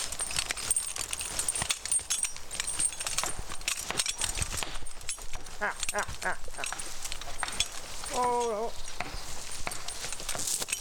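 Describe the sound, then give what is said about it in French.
Heavy draft horses used for hauling wood clip-clop steadily on a hard surface, in a busy outdoor scene with voices faintly in the background. “Alors, de là à vraiment travailler, avoir fini sa croissance, des gros chevaux comme ça, c'est 6-7 ans.”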